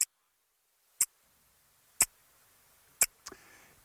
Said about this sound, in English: Do you remember that sound? That sound would be the ticking maybe of your father's watch when you put it next to your ear. Do you remember that sound? The noise that it made?